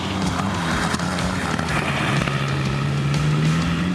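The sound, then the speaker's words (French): An old car engine drones loudly and steadily while driving, its low hum climbing slightly in pitch as it revs, over constant road and wind noise with no talking. The engine has plenty of torque at low revs, and the driver keeps it below 4000 rpm. “Le moteur a beaucoup de couple, il est plein à bas régime.”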